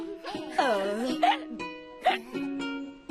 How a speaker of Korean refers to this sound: 우와, 엄마, 딸꾹질 소리도 꼭 재미있는 노래 같아요.